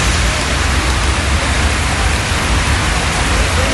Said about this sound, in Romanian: Ploaia torențială a acoperit complet drumurile din Craiova. Zeci de șoferi au rămas blocați cu mașinile în apa care depășea jumătate de metru. Tot județul Dolj s-a aflat sub cod portocaliu de ploi pentru câteva ore.